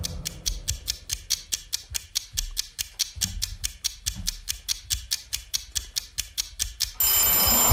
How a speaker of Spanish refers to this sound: Se acabó el tiempo. Qué bonito suena el timbre este vintage.